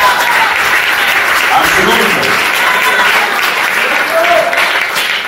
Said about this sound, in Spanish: Dale un fuerte aplauso al Señor esta noche.